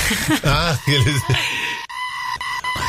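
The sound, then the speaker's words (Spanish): A ringtone opens with a loud, high, quavering cry like a Correntino sapucay shout, wobbling in pitch, then gives way to steady bright electronic tones with a few short breaks. “Porque hay un grito. El susto que te pegás en tu casa. No. Parece un sapucay.”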